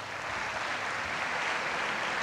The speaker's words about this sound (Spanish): Vamos a recibirlo con un fuerte aplauso.